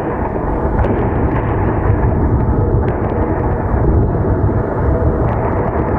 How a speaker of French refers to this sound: Qu'est-ce qu'on entend là ? Alors là, c'est le travail de la défense antiaérienne, c'est-à-dire qu'on va entendre les explosions au moment des interceptions de drones ou de missiles.